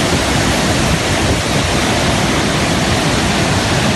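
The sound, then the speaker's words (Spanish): A loud, steady roar of gushing water, a waterfall bursting out as saturated cave networks expel all their water at once, a dense continuous rush with no pauses and no voices. “las red cavernarias se saturan, se llenan, y entonces expulsa todo el agua de un tirón, y es el famoso reventón.”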